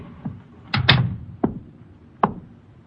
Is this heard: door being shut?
yes